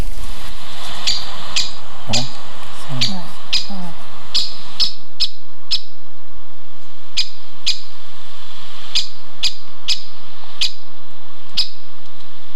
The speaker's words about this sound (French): Non, c'est un forestier, exclusif. C'est pas gros. La mésange ? Non, sont répétés, toujours le même à peu près. C'est le pic